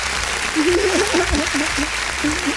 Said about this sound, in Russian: Ну, здесь день, можно уже аплодисменты добавить. Да, сейчас, конечно, у меня, как всегда, они почти заготовлены.